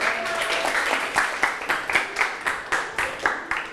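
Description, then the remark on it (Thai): A group of students claps in a classroom for group 5, which earned five smiles, scattered at first, then falling into a steady, evenly spaced unison rhythm of sharp, bright claps. Nobody speaks. “กลุ่มที่5วันนี้กลุ่มที่5สมาชิกน้อยแต่ก็พริกขี้หนูเหมือนกันถือว่าเก่งตั้งใจกลุ่มที่5ก็มี5ยิ้มปรบมือให้ครับ”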